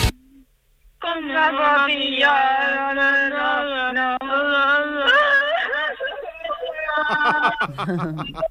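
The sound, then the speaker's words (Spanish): A loud voice lets out a long, exaggerated wailing cry in a sad voice, wavering in pitch for several seconds before breaking into choppy, sobbing bursts near the end. “El llanto del loco.”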